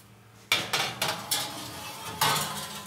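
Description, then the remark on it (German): A metal tray of chicken is pushed into an oven, giving a short run of about five or six sharp metallic clanks and scrapes, fairly loud, with no talking. “Also das Hühnchen ist jetzt im Ofen.”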